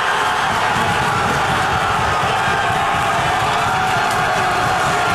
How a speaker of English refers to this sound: England's Anthony Gordon set the tone with the first goal, and at the Montreal's Burgundy Lion, the crowd went wild